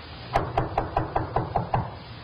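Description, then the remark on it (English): Eight quick, evenly spaced knocks on a door, sharp and moderately loud, in a steady rapid rhythm over a faint hum, with no voices. “Let him knock again.”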